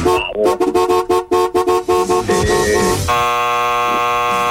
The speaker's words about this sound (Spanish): Bocina. ¿Cómo? Bocina. Ok, tiene seis letras.